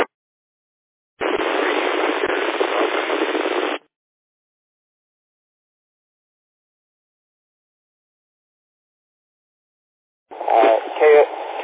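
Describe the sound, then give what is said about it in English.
A harsh burst of radio static from a garbled transmission on a Baofeng radio crackles for a couple of seconds and cuts off into silence; later a thin, tinny voice comes through over the radio. “That was all static, whoever was trying to transmit just then.”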